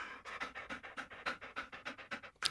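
A dog pants rapidly and steadily, a quick run of breathy huffs about five or six per second, fairly loud, with no voices.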